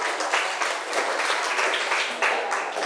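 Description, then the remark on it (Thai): A class of students claps together for a classmate who answered a question, a steady burst of applause, dense, bright, continuous patter lasting a few seconds with slight swells, no one speaking over it. “ขอบคุณค่ะปรบมือให้เพื่อนหน่อย”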